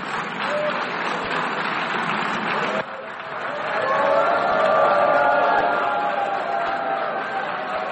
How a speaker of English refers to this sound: So there's some cheering, some booing, as you can hear.